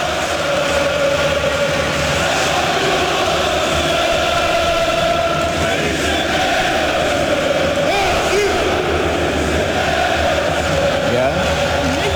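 A huge crowd of Galatasaray fans in the stands of a football stadium chants a song in unison, a dense, continuous roar of many voices with sustained tones, loud and steady throughout without any single speaker standing out.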